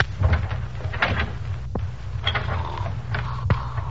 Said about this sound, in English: Open the door. Easy.